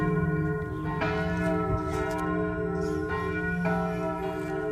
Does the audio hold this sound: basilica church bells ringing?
yes